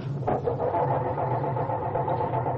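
A car engine cranks over and over without catching, a steady, labored churning grind that stays fairly loud and close throughout, with no voices.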